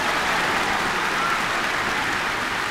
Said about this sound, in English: Thank you, fans. Nice to have a round of applause to walk into the studio.